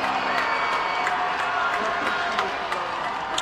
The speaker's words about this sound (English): And once again, they're asking for noise, and this crowd is obliging.